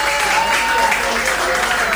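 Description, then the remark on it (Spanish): A crowd applauds steadily, a dense, even wash of clapping at a loud level that holds for the full two seconds without fading, with some indistinct voices mixed in. “¡Aplauso!”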